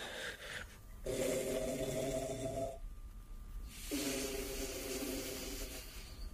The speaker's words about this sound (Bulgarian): Нагласил се е нарочно, за да хърка колкото може по-силно.